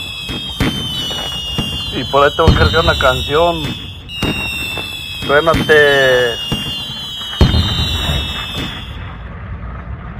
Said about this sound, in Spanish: Por ahí, suena tiene una docena de cohetes